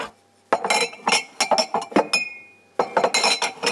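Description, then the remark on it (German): Glasses clink and knock together repeatedly in quick, uneven bursts, fairly loud, with a short pause in the middle and a bright ringing tone, as glassware is handled while being washed. “So, jetzt die Gläser.”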